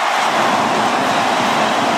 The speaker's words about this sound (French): On sent que le stade est en train de vibrer là, hein, et en train de vivre à une sacrée soirée.